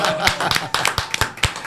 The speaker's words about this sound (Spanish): Cumpleaños feliz. ¡Aplausos!